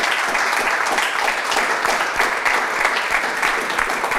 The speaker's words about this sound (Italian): C'è un applauso. Sì, grazie.